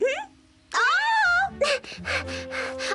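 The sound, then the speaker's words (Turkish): A little one cries out in two high, wavering wails, the second longer and swooping, followed by a run of rougher, choppy sobbing sounds, close and fairly loud. “Ağlamakla her istediğini elde edemezsin.”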